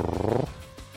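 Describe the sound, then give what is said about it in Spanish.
A voice imitates a kitten's purr with a short, rumbling burst of rapid fluttering pulses that lasts about half a second, then drops away into quiet background noise. “Estoy ronroneando como un gatito.”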